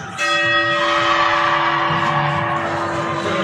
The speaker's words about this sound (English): gets the honors there for the Bulldogs, ringing the bell in Friedrich Arena.